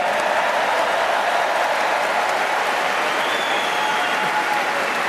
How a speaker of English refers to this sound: Rory, what a beautiful jacket. Is that a Masters jacket? Must be. Yeah. Round of applause for Rory for Masters, please.